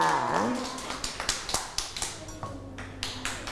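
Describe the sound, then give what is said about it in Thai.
Children clap in a quick, steady rhythm, about a dozen sharp claps over a few seconds, after a brief voice at the start, applauding during a children's lesson on brushing teeth. “เด็กๆปรบมือให้น้องหมุยหมุยหน่อยค่ะ”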